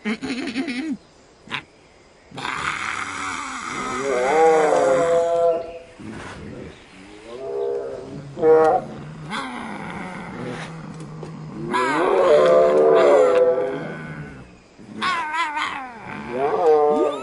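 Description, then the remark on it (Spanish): Voices imitate Siberian tiger roars in a series of loud, growling, wavering bursts, several overlapping, with brief pauses between them and a rising, strained pitch. “¿Quieren hacer ruidos de tigre?”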